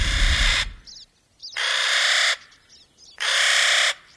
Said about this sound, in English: The harsh, raucous call of the Clark's Nutcracker that we're hearing up in these pine forests is a sound that you can hear year-round up here.